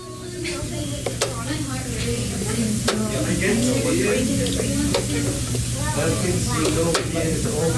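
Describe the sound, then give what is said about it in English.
A chess timer clicks sharply a handful of times at irregular intervals as Unalaska students play chess at desks in a high school classroom after school, each tap crisp and brief, over a continuous murmur of voices and a steady hissing background. “If you listen closely, you'll hear a soft, frequent clicking among the voices.”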